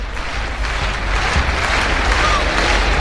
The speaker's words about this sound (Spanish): pide palmas otra vez al público, que está animado, y sigue llegando gente a la Monumental. Buen ambiente, sí señor.